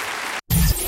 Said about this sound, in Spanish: aplauso en honor a él.